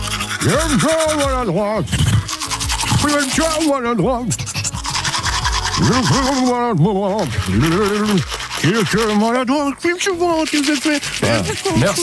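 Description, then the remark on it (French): A voice imitates a manual toothbrush brushing, with rhythmic scrubbing hisses mixed with voiced, sliding tones that rise and fall steadily for about twelve seconds, loud and continuous. “Ce n'est pas très grave, il la remet demain en route, cette fameuse brosse à dents manuelle, pour jouer avec vous”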